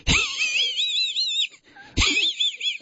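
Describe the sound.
A person imitates the wheezy snicker of Muttley, the cartoon dog from Wacky Races: two raspy, breathy bursts with a warbling, wavering squeak on top, separated by a brief pause.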